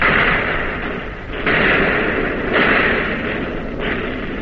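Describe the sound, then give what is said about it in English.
A warship's naval guns resume firing on target while the ship is being hit, in a rough sequence of three heavy booming blasts roughly a second apart, over a dense, continuous roar of battle noise with no voices. “You're on target again and firing.”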